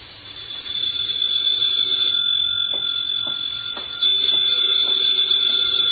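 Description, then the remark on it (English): A telephone rings with a shrill, high, unbroken tone that holds steady for several seconds, a faint pulsing texture beneath it and no voices. “Then there was the phone.”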